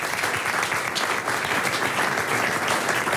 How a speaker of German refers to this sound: Also, da schon mal einen Applaus dafür.